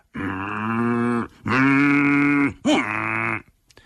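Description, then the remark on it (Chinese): In a Chinese storytelling performance, a man's voice imitates the character Jia Ming grunting in tiger language to several tigers, with three long, low, droning grunts, each sustained and rich in harmonics, the last with a rising wavering start, separated by short pauses. “方才贾明啊跟这虎哼哼这些虎语的内容是什么呢？”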